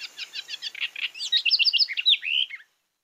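A house wren, recorded in Colombia, sings a rapid, bubbly song lasting a couple of seconds, starting with quick buzzy trills and ending in a tumbling run of clear, rising and falling notes, alone.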